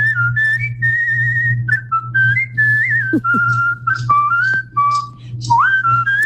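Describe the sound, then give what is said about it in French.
Someone whistles a well-known pop song, a bright, clear melody of short stepping notes and slides carried continuously for several seconds over a steady low background hum, an example of a trend in Brazil of whistling famous melodies in chat groups. “Oui, je vous parlais hier de cette mode depuis le mois dernier au Brésil, des groupes WhatsApp où on ne fait que siffler des mélodies connues, évaluées ensuite par les internautes.”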